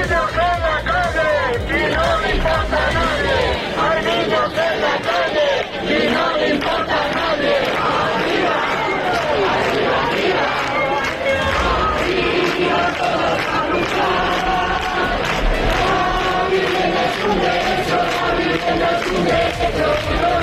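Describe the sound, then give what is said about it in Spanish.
A large protest crowd of thousands fills the Puerta del Sol in the heart of Madrid, where tents are set up, with loud, continuous roaring, many voices shouting and chanting together in a dense, unbroken wall of sound that holds steady throughout. “A esta hora miles de personas continúan agolpadas en el corazón de Madrid, en la Puerta del Sol, donde cientos de tiendas de campaña llevan instaladas desde el sábado por la noche.”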